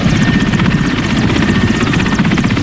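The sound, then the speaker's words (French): A helicopter roars steadily while flying toward Mongualou, about 80 km north of Bounia, its rotor producing a fast, rhythmic thumping over a dense, continuous engine drone with no voices. “Direction Mongualou, à environ 80 km au nord de Bounia, à bord d'un hélicoptère.”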